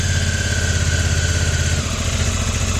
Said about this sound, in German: Der Kater fährt jetzt echt mit dem Motorrad? Das glaube ich nicht.